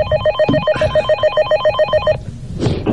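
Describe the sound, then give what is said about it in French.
A telephone bell rings in a rapid, steady trill of bright metallic strikes for about two seconds, then stops abruptly, leaving low background rumble and a brief noisy rustle. “Mais avant, j'ai un coup de fil à passer, ah, où j'ai reçu un coup de fil.”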